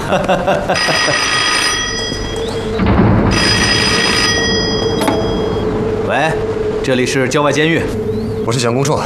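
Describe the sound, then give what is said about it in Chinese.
A telephone rings with bright, sustained electronic tones, fairly loud, set against a busy, layered background of other sounds, as a call is placed to a suburban prison. “打电话给郊外监狱，放人。”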